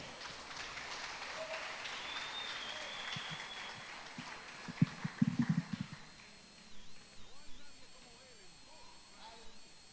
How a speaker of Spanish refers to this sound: Así que lo recibimos con un aplauso.